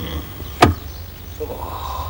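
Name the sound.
car door being opened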